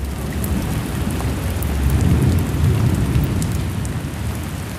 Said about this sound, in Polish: I teraz schodzimy ze statku i słyszymy, jak deszcz pada.